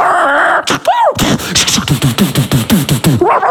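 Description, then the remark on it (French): A dog barks and yelps in a rapid, agitated series of short, sharp cries, loud, after a brief high whine. “Il aime pas les chiens.”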